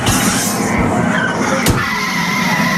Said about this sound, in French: Et ensuite, on arrive en ville, à Tokyo. Faites attention aux voitures, ne vous faites pas écraser.